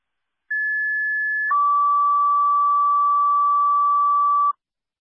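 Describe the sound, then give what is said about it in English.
A fire pager alert for the Sparta fire department, calling it to a lift assist, sounds two steady electronic tones in sequence: a higher tone for about a second, then a lower tone held for three seconds. Both are loud and clear, with no talking. “Fire Inspector 2 of Sparta, your fire pagers.”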